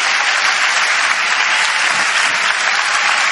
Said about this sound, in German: Ja, lass uns einstimmen in den Applaus mal kurz, bitte, was der Herr da beugt.